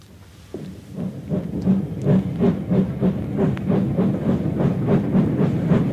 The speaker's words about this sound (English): I stood watching the train till it disappeared from view.